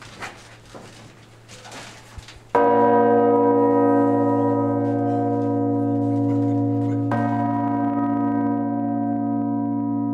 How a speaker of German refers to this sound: Regina Zöli, die Königin des Himmels, ist die schwerste Glocke des Geläuts. Diese Glocke, 5 Tonnen, wurde früher mit dem Seil gezogen. Unten, da waren 3, 4 Leute.